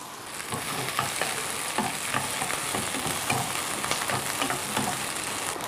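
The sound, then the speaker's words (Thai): Steady sizzling of lotus root being stir-fried in a hot pan, with repeated scraping and clinking as it is stirred, an irregular rhythm of utensil strokes over a constant hiss. No one speaks. “แล้วก็ตามด้วยรากบัวค่ะนี่นะคุณผู้ชมผัดรากบัวก่อนแล้วก็เสร็จแล้วตามด้วยมันฝรั่งที่เราแช่น้ำไว้เอาแป้งออกเล็กน้อยใส่ซีอิ๊วค่ะ”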